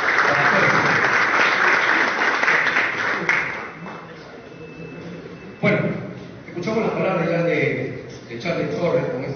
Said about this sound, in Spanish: Y también al señor Percio Olivares. El aplauso para él.